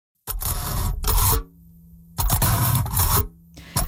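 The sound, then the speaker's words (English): A fork pokes and scrapes through aluminum foil in three bursts of loud, crinkly, rasping noise, separated by short pauses in which a low steady hum is heard. “So that's the sound of a fork poking through aluminum foil.”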